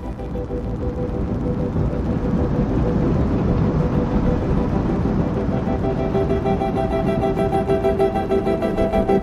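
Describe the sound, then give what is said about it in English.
A railroad train's wheels roll along the rails with a loud, steady rumble of wheels and machinery, continuous throughout with no voices; faint tonal whines emerge toward the end. “Have you ever heard railroad train wheels rolling along the rails, clickety-clack, clickety-clack, and thought how musical they sound?”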